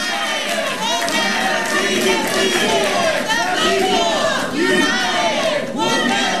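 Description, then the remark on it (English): A large crowd in the Charlotte government center chants and shouts in unison after the City Council's unanimous vote approving a 150-day moratorium on new data centers, loud and continuous, with many overlapping voices rising and falling together throughout. “After the vote, the crowd in the government center began chanting.”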